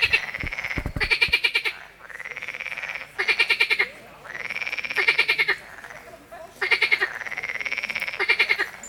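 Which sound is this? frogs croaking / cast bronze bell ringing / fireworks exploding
frogs croaking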